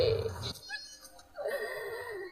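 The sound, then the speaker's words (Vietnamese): Choked sobbing of a woman before her older brother's grave at the martyrs' cemetery in Can Tho city, Vietnam: a short gasping burst of crying, a brief catch of breath, then a drawn-out, wavering wail that trails off, with no clear words. “Tiếng nấc nghẹn vang vọng cả nghĩa trang liệt sĩ thành phố Cần Thơ, trước phần mộ của người anh trai đã hy sinh từ hơn 47 năm trước”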